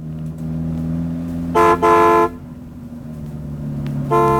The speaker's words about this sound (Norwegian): Se på den bussen, da. Bare velter seg ut i veien, uten å tenke på trafikken bakfra.